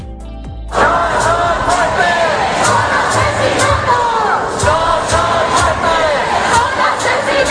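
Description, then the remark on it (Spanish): A large crowd of protesters in the Puerta del Sol chanting in unison "No son muertes, son asesinatos", a loud, dense roar of many voices with rhythmic shouted accents, holding steady after a brief quieter opening. “No son muertes, son asesinatos, cantan los manifestantes.”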